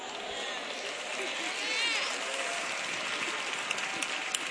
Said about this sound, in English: Look at all the sisters clapping, praising the Lord, praise God.